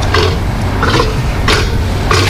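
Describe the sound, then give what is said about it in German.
A South American sea lion gives four loud, hoarse, grunting barks at a steady pace, each a short raspy burst, over a constant low background rumble. “Ein patagonischer Seelöwe, eine Mähnenrobbe.”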